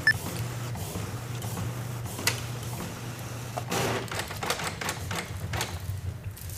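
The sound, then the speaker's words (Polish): A printer set to a quieter, slower mode runs through a page with a steady low mechanical hum, broken by occasional sharp clicks and short whirring bursts of paper feed, then parks. Fairly quiet, with no voices. “No, wydrukowane. Jest to cichsze. Potrwało to troszkę dłużej oczywiście.”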